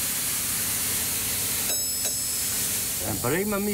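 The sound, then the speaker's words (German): A loud, steady hiss of compressed air being fed into a hydraulic system during a repair rushes continuously throughout, with a brief change in tone midway and a voice briefly speaking over it near the end. “Dann wird Druckluft auf die Hydraulik gegeben.”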